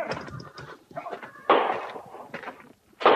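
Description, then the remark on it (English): Two loud, sharp gunshots ring out about a second and a half apart, each with a short fading tail, preceded by a stretch of quieter shuffling and scraping movement; the shots are fired close to a new horse's head to train the horses to stand fire. “Flint's training them to stand fire.”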